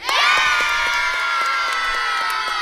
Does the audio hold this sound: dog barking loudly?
no